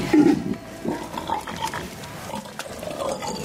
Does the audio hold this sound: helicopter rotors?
no